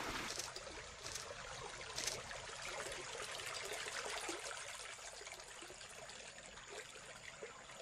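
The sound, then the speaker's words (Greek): Water is poured into a glass in a steady, continuous trickle lasting several seconds, moderately loud, with no voices over it. “Άμε που λόπο μου φέρω με ένα ποτήρι νερό.”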